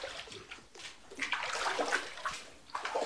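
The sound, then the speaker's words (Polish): Wet, sloshing splashes repeat every so often as feet tramp through shallow water and mud in an underground structure, moderately loud, with no talking. “Teraz zaczyna się błoto prawdziwe. Ta woda, która tutaj się znajduje, jest takim, można by powiedzieć, znakiem, jaka mogła być ta pierwotna funkcja.”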